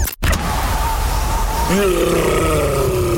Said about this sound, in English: That's the sound of a Yeti in the fridge. Yeah, there's a Yeti in the fridge.